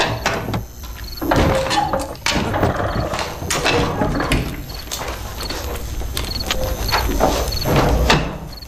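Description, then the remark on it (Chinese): A door is opened with a clatter of latch and hinge, followed by a run of close, loud knocking and thudding impacts in an irregular rhythm, with no one speaking. “开门！”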